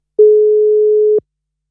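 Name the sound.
telephone line tone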